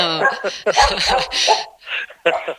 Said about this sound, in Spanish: Mira, por aquí está ladrando uno de los perros que te decía.